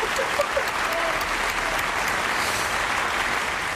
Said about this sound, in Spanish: Pues nada, has superado muy bien el test. Un aplauso, por favor.